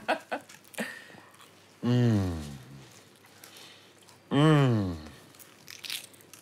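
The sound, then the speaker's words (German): Crisp crunching and crackling as someone bites into a flaky croissant, with a few short crunchy bursts, broken up by two drawn-out appreciative hums from a voice. “Darf ich reinbeißen?”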